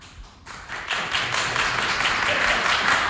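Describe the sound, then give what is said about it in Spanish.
An audience claps to vote for José Mourinho returning to Real Madrid, starting with a few scattered claps and swelling within a second into steady, dense applause that holds at a fairly loud level to the end. “¿Quién sí quiere, tiene que aplaudir, que vuelva José Mourinho?”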